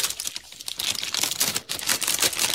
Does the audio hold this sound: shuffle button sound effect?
yes